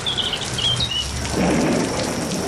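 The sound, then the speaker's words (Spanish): Steady, hissing rain falls throughout, with a low, muffled rumble of thunder swelling midway. A few faint bird chirps sound early on, and no one speaks. “Porque hoy nos hemos levantado con truenos, relámpagos y con lluvia.”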